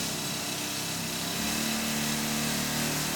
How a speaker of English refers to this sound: we when we used to use air-leg mounted rock drills... They were pushed in by what we call an air leg, a pusher leg. 4 or 5 or 6 hours a day, depending on what you were doing.